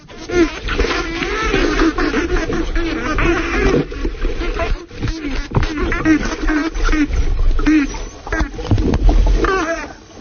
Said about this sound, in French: Un autre son d'un dauphin un peu moins satisfait.